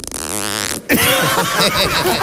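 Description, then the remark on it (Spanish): Someone imitates a zipper being pulled with their mouth: a buzzy, wavering vocal tone that breaks off, followed by a longer loud, raspy hiss. “Oye, por favor, repita el sonido de la cremallera.”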